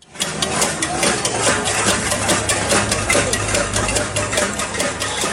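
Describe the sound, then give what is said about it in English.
Protesters in the streets of Cuba, protesting a fuel shortage, bang pots and pans in a dense, continuous clatter of sharp metallic strikes at an uneven, rapid rhythm, fairly loud, over a steady low engine-like hum. “That's the sound of protesters hitting pots and pans there in the streets.”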